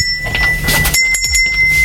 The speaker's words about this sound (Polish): Tu dzwoneczki.